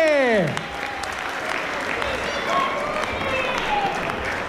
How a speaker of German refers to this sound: Noch mehr einen ganz kräftigen Applaus.